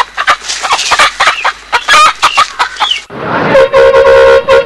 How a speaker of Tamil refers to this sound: Bus வர சத்தம் கேக்குது.